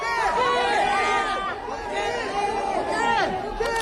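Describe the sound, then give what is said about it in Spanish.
Excited fans in Seoul, South Korea, shout the name of Koke, the Atlético captain, over and over, a dense, loud tangle of high, overlapping voices that keeps going without a break. “Estos gritos se pueden escuchar su nombre, son por Koke, el capitán del Atlético, que también es muy querido en el país asiático.”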